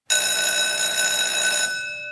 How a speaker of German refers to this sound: Beim Klang der Pausenglocke stellten sich alle in ordentlichen Zweierreihen auf und marschierten fast wie Roboter aus dem Raum.